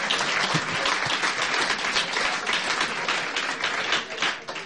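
Steady applause from a crowd, dense overlapping claps sustained at an even, fairly loud level for several seconds without a break, no voices standing out.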